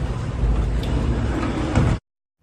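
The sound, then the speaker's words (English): Elevator doors slide shut with a steady low mechanical rumble for about two seconds, a soft bump near the end, then abrupt silence. No voices are heard. “Saved by the elevator doors.”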